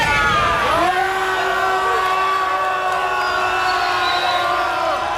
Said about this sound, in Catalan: Amb crits de vergonya, vergonya, ja ho sentiu.